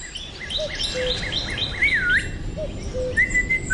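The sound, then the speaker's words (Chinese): Someone whistles a lively birdsong imitation, a run of quick high chirps followed by a swooping warble and a few sustained trills, heard over a steady murmur of background noise. “不许吹口哨，破坏纪律。”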